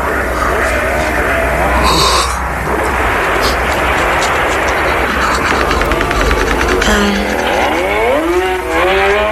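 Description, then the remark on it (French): A loud motorcycle engine in a film about motorcycles roars steadily throughout, its pitch climbing and dipping as it revs, with a brief sharper burst early on and swooping gear changes toward the end. “Une histoire de moto.”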